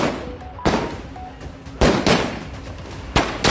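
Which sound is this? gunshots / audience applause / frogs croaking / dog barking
gunshots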